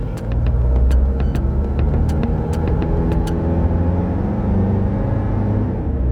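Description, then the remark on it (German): A car engine rumbles as the driver shifts into first gear and the vehicle pulls away, heading toward the border, a steady low drone throughout with a few sharp mechanical clicks and knocks in the first few seconds. “Dann hat er dieses Bündel ergriffen und kam dann sehr zügigen Schrittes zu uns ins Auto, hat sich reingesetzt, hat den ersten Gang eingelegt und weg.”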